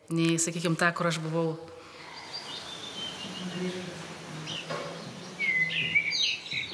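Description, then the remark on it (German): A voice speaks briefly at the start, then a steady background of assorted bird chirps and tweets continues, played throughout the Laios hotel building, with higher whistling calls surfacing toward the end. “Beinahe überall im Gebäude sind unterschiedliche Vogelstimmen präsent.”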